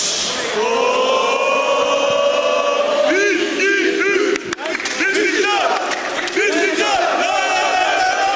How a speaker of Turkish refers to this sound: Beşiktaş atkısıyla kameralara kartal pozu veren Salih ardından taraftarlara üçlü çektirdi.